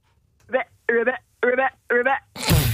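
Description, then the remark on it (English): A woman calling in from Liverpool imitates a frog with four evenly spaced, throaty croaks heard over a thin, telephone-like line, followed by a short burst of crackling noise. “She can make frog noises.”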